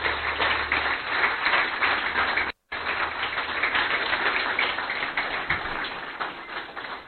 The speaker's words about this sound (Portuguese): Eu estou muito feliz por estar aqui e quero mais uma vez pedir uma grande salva de palmas para vocês.